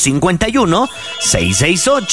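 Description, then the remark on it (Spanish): A telephone rings steadily for an incoming listener call to the radio station La Qué Buena, beneath a lively, melodic vocal jingle, the bright electronic ring clear through about two seconds of singing voices. “Llamadas telefónicas y notas de audio en el WhatsApp de La Qué Buena para que participen.”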